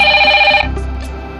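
A phone ringtone chimes in steady tonal bursts for about half a second, then cuts off, leaving a low hum and faint background noise.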